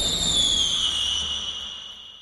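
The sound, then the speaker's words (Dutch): A single firework being set off lets out a loud, shrill whistle that slides slightly downward in pitch and gradually fades over about two seconds, with a low rumble beneath and no voices. “Ik heb één vuurwerkje hier klaar. En die ga ik nu afsteken.”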